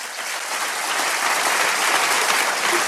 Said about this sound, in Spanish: Amén, hermanos. ¿Cuánto le da un aplauso a Dios?